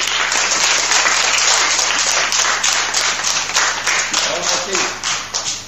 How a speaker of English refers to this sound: A round of applause for them.